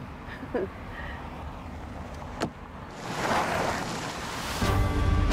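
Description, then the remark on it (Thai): A car whose brakes are failing drives along with a steady rushing rumble that swells louder partway through, with a couple of brief knocks early on and wind-like road noise building toward the end. “เบรกเป็นไรเนี่ยทำไมเบรกไม่ได้เลยเบรกไม่อยู่เลย ระวังนะคุณระวัง เบรกไม่ได้เลย เกิดอะไรขึ้นเนี่ย”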